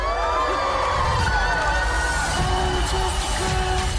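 A party crowd cheers and whoops for the birthday girl, Elle Woods, many overlapping voices shouting together at a steady, loud level for about four seconds without pause.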